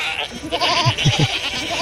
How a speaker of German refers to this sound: Die Ziegen umdrängen uns von allen Seiten. Sie stupsen, schieben, starren uns an durch die dunklen Schlitze in ihren Augen.